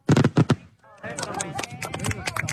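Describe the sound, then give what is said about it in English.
Four sharp fireworks bangs burst in rapid succession, then give way to a steady, busy wash of whistling and crackling with indistinct crowd voices underneath, as fireworks light up the sky over Grand Island to mark America's 250th and the city's founding anniversary. “According to the Nebraska Corn Board, a corn-based binder called dextrin helps control the timing of fireworks.”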